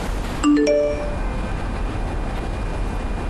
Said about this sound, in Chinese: 你别以为你不接电话就没事了，你等着他。